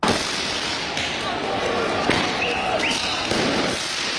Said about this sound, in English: That's the sound of an exploding tear gas canister that was hurled by police towards demonstrators as they let off fireworks on the streets of Paris.